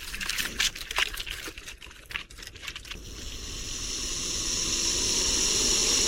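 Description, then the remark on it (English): A lizard hisses at about head level on a tree trunk: a steady, breathy hiss that rises in loudness and holds for several seconds, preceded by a flurry of dry scratchy clicks and rustles as it scrambles up the trunk. “It's hissing.”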